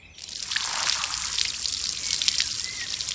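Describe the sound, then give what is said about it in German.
A steady hiss of water spraying from a garden hose onto bones to clean them, with scattered spattering taps as the jet strikes them, running continuously with no voices. “Warum spritzt du die Knochen denn mit dem Gartenschlauch ab?”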